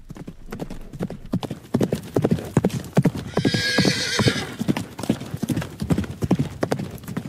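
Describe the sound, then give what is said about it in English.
Horse hooves clip-clop in a steady, brisk rhythm from start to finish, clear, with a horse's high whinny breaking in briefly around the middle. “When you hear hoofbeats, think horses, not zebras.”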